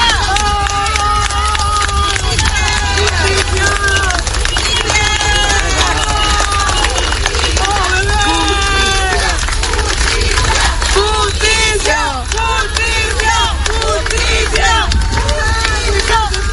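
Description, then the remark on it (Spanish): A large crowd accompanying a funeral procession in memory of a boy shouts demands for justice and claps together, many overlapping raised voices at a steady, loud level from start to finish, unbroken. “Entre aplausos, pañuelos blancos y gritos exigiendo justicia, los asistentes acompañaron el recorrido en memoria del menor.”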